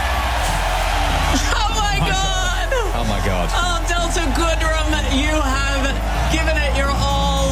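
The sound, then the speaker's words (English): A large crowd at the Eurovision Grand Final cheers and screams continuously after a performance, with high whoops and shrill yells rising over a dense, loud roar for the whole stretch. “has blown the crowd away at the Eurovision Grand Final.”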